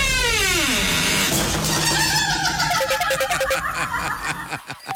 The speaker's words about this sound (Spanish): Regáleme el sonido de la puerta. Oiga, es que el sonido de la puerta, no es que así suena la puerta de entrada aquí al baño, vea. Me voy a entrar al baño.